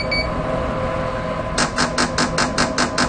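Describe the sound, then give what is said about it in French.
A rapid series of about eight short, high-pitched electronic beeps in a steady rhythm from a medical stimulation device, announcing the start of a new 2-second stimulation train. The beeps start partway through, over a constant background hum. “Et quand vous entendez le bip, bip, bip, ça vous annonce que qu'on va commencer la nouvelle stimulation.”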